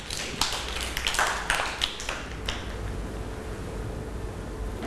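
Children clap their hands in a brief, uneven burst of sharp claps that trails off after a couple of seconds, leaving low background hum with no talking.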